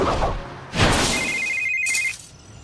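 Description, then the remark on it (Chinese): A phone call to the PAW Patrol rings out with a bright electronic tone, one steady, slightly pulsing burst lasting about a second. It follows a short whoosh, and no one speaks. “出不去了，还是呼叫汪汪队好”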